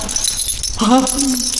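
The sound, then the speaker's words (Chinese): Handcuff chains on a handcuffed, unconscious young woman rattle and clink in a quick metallic jangle, followed by a person speaking and calling for the key while faint metallic rustling continues underneath. “还给铐起来了。”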